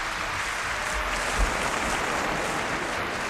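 An audience claps in a dense, steady wash of applause that holds at an even level for about three seconds, with no voices over it.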